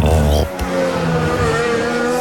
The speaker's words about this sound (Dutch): Je komt daar in die dip en als die auto dan uitveert, dan moet je het geluk hebben dat die... En je denkt een helikopter te horen, maar dat zijn de banden over de curbstones.